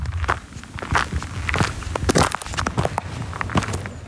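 Footsteps crunch steadily over a loose gravel road on a sunny morning at the start of a mountain hike from a trailhead near the village of Javorje, each step a gritty, crackling scrape, keeping an even walking rhythm with no talking.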